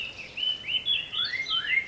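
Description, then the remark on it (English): Birds singing in a steady stream of high, overlapping chirps and warbling trills, fairly faint and close together, with no voices or other sounds around them. “Singing Birds.”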